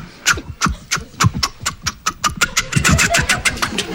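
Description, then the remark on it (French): Two voices mimic a siren and a level-crossing signal together, a rapid, steady run of clanging ding-like pulses with a wavering vocal wail underneath, fairly loud. “Il fait la sirène, je fais le passage à niveau.”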